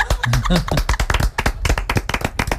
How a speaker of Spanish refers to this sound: Y aplausos.